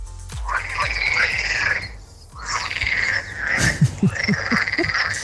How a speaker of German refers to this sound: Das waren Originalfrösche aus meinem Dorfteich.